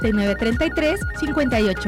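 A loud telephone ring sounds in repeated tonal bursts with a warbling, melodic ringtone quality, filling the short moment on its own.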